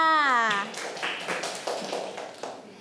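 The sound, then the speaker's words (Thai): After a short spoken phrase of praise from the teacher, a class of children claps hands for a classmate's answer, a quick scattered burst of sharp overlapping claps that keeps going at a fairly steady, moderate level. “เป็นการบอกเล่าสื่อเรื่องราวเรื่องใดเรื่องหนึ่งให้ผู้อื่นได้รับรู้ใช่ไหมคะเก่งมากค่ะปรบมือค่ะ”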